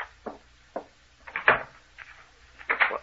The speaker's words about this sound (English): He's locking the door again. He's locking us in.